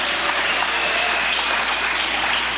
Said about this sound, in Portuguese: Bate palmas para Jesus, aleluia!